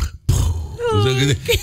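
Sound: voice imitating loud snoring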